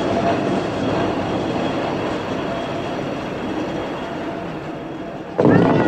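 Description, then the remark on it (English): A cable car heads up the mountain with a steady, loud mechanical rumble and faint rattling clatter, holding constant before swelling louder in the final moment. “He hurries away as the cable car heads up the mountain.”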